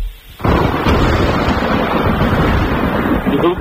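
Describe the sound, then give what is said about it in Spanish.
A thunderstorm bursts in after a brief hush: a loud, deep rumbling roar that holds steady and dense for about three seconds, with no voices over it. “Sí señor, una tormenta.”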